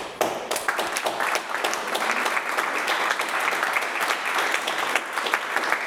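Loud, sustained audience applause fills the whole stretch, a dense wash of many hands clapping with steady intensity and sharp individual claps popping out, no voices audible over it.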